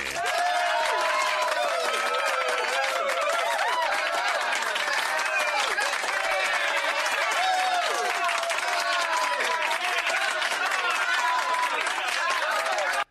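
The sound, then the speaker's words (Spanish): A large crowd applauds loudly and steadily for about thirteen seconds, dense clapping mixed with cheering and shouting voices, ending abruptly; played on the radio station La Interesante 88.5 to celebrate a listener's birthday. “¡Aplauso enorme!”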